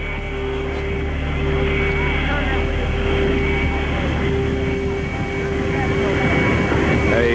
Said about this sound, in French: Et le long du bâtiment, très lentement, Air Force One s'immobilise.